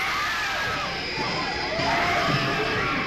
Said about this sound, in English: This is not a trick. The screams you are hearing are the actual audience reaction to a sneak preview of Visiting Hours, a film so frightening you may never recover.